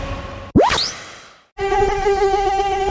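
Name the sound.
mosquito buzzing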